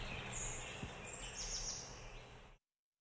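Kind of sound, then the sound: bird, forest birdsong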